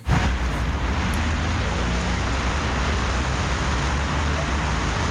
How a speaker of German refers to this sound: Fließender Verkehr auf einer Hauptverkehrsader wie hier der Bürgerstraße, den soll die Stadt Göttingen zukünftig wieder zuverlässiger sicherstellen.